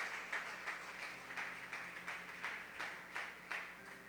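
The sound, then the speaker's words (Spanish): A church audience claps hands for the Lord in a steady rhythm, the overlapping claps pulsing a few times per second and blending into a soft, continuous patter. “Dele palmas al Señor.”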